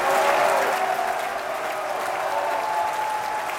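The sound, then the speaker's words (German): An opera audience applauds steadily at the end of a performance in a dense, sustained wash of clapping, with faint cheering, boos for director Barry Kosky and whistle-like tones running through it, holding at an even, fairly loud level throughout. “Am Ende erntet Regisseur Barry Kosky gleichermaßen Jubel und Buhrufe.”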